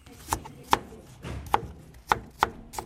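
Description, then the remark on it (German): A knife chops food on a cutting board in the Suppenengel team's central kitchen in Bremen's Neustadt, where potatoes are peeled and apples cut: five crisp, sharp knocks at an uneven pace, each with a short woody ring, against a quiet background with no talking. “Sie schälen Kartoffeln, schneiden Äpfel oder rühren in einem der beiden Bottiche.”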